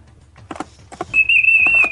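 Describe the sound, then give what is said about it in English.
A person, asked to whistle number 6, whistles one steady, sustained high note, loud, lasting nearly a second. A few short, soft rustling bursts come just before it. “I want you to whistle number 6.”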